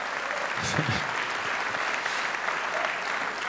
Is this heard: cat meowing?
no